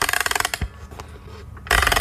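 A music box being wound up: a fast run of crisp ratcheting clicks, a short quieter pause with faint mechanical ticks, then another dense burst of clicking winding.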